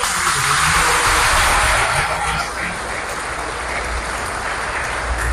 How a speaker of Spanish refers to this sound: Bueno, un aplauso a Camargo.